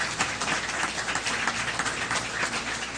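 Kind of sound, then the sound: crowd, audience applauding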